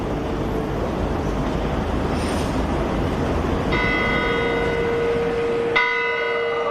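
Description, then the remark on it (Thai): Two strikes of the Zytglogge clock tower bell in Bern, a world-famous clock tower that is part of the old city gate, ring out over a steady wash of street and traffic noise, each strike leaving a bright, shimmering tone that hangs and slowly fades. “หอนาฬิกาที่พระองค์ทอดพระเนตรและทรงเล่าไว้ในพระราชนิพนธ์ไกลบ้านมีชื่อเรียกว่าไซคร็อกเข่นทวงเป็นหอนาฬิกาประจำกรุงเบิร์นซึ่งมีชื่อเสียงและรู้จักกันไปทั่วโลก”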